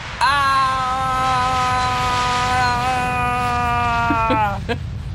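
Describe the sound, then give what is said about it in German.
An airplane engine sound, played from loudspeakers, roars at full power, a loud, steady droning whine with a rushing noise underneath. It holds an even pitch for about four seconds, then dips and cuts off. “Das Flugzeug hat nicht ganz reingepasst ins Lachlabor. Aber es kam aus den Lautsprechern, das war schon mal ganz gut.”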